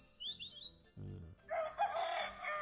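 A rooster lets out a loud, drawn-out crow, preceded by a few thin high bird chirps and a brief low thud. No one speaks.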